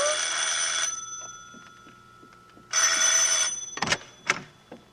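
A bell rings loudly in two bursts, each a rapid, shrill metallic trill lasting under a second, separated by a pause, followed by a few sharp clunks.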